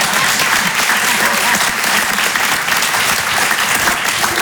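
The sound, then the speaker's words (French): A crowd claps steadily, a dense, loud wash of applause that holds at an even level from start to finish with no pauses. “Juste après, oui, vous pouvez applaudir, mais tous en même temps, voilà.”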